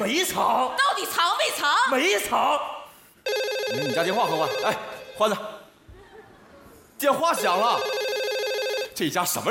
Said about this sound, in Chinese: 电话响了。